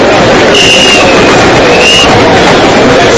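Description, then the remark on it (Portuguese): A loud, steady rumble of trains at the busy train terminal in Palo Alto, California, full of people, one train arriving as another departs, with a thin high squeal of brakes rising briefly over the noise and a faint murmur of crowd beneath. “A estação estava cheia de gente e o trem chegava, outro trem partia e era aquela movimentação propriamente de um terminal de trem.”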